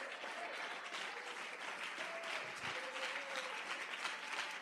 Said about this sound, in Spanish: Dele bien ese aplauso al Rey.